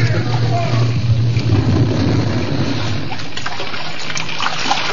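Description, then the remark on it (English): Loud, continuous churning and splashing of seawater as people leap from a burning ship into the sea just before its prow rises in the air, with a low rumble underneath for the first couple of seconds. “Seconds before the prow raised in the air, they leaped for the dangerous haven of the sea.”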